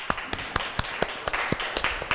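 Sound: students clapping hands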